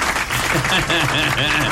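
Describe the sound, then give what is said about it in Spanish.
An audience applauds steadily after a magic trick making paper levitate, a dense wash of many hands clapping at once, with voices calling out over the clapping partway through. “Fuerte los aplausos, vamos, la audiencia.”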